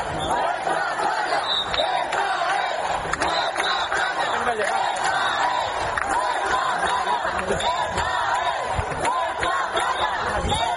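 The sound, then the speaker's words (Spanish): A large crowd of citizens in Ceuta shouts the protest slogan "Ceuta se defiende" together, a loud, dense roar of many voices chanting steadily for the full stretch with no pauses. “Ciudadanos que se unían al grito de Ceuta se defiende y que al final irrumpieron en la playa para acabar con las chozas de estos migrantes ilegales a eso de la medianoche.”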